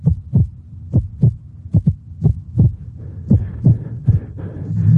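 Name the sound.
irregular heartbeat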